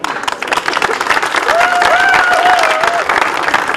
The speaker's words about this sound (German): Und nochmal für Sie einen herzlichen Applaus.